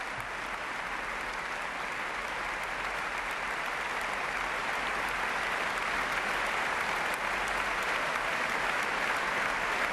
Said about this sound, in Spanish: De nuevo sale a saludar y a recibir los aplausos del público Valerie Steinken. Valerie Steinken, que ahora aplaude a sus compañeros de la Orquesta Nacional y recibe un ramo de flores.